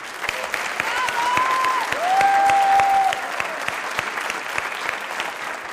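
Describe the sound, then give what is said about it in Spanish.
Steady audience applause for a guest of the Asexórate segment fills the whole few seconds, a dense wash of many hands clapping, with a couple of brief whistling tones rising above it partway through. “Por favor, un aplauso para ella.”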